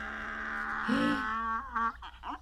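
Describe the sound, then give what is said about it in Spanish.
Someone imitates a donkey braying: a long, drawn-out nasal vocal tone that swells, then breaks into a few choppy, wavering bursts before trailing off. “Que eso es un burro.”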